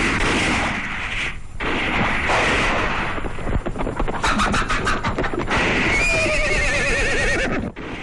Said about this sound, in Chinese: 外面传来枪声，鬼子来了。